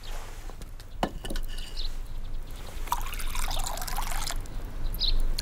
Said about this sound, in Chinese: 你这又是在做什么？ 分粥啊。 就这么一锅粥，还有什么好分的呀？ 你可别小看这锅粥，又暖胃又补气，一天三顿都靠它。